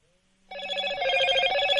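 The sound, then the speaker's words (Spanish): A telephone rings loudly and steadily with an incoming call after a brief quiet moment, its bright trilling bell tones sustained through the rest of the short clip with no talking. “Vamos a una llamada. ¿Quién habla?”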